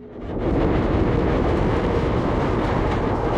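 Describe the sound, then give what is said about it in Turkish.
A moving train rumbles and rattles steadily on its rails, a loud, dense clatter that swells in over the first half second and then holds constant, with no voices. “Ah, trenden inmeliyim.”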